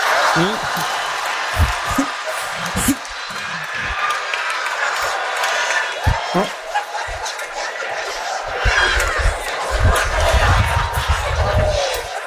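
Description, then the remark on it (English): A large crowd claps and cheers loudly and continuously for several seconds, a dense wash of applause with shouts and voices rising and falling throughout. “Don't clap. Keep your hands to your side.”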